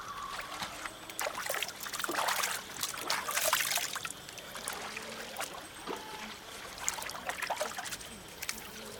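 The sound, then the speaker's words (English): Water trickles and splashes in an irregular stream of small drips and gurgles from a spike hammered into a tree as the water is collected in the pale light of pre-dawn, continuing steadily at a modest level with no voices. “In the pale light of pre-dawn, Peeta hammers the spike into a tree and collects water.”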